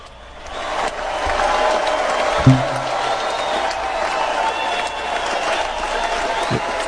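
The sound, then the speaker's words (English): Steady applause from a crowd fills the whole stretch, a dense wash of clapping and murmuring voices that holds at an even level, with a brief louder thump midway. “Maybe he's waiting for the applause to die down.”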